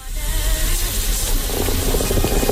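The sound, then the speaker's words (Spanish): A coffee maker bubbles and hisses steadily with a steamy, watery rush, and the gurgling grows busier and more crackly in the second half. No one speaks. “El café bulliendo, está la cosa muy caliente. Está a tope la cafetera”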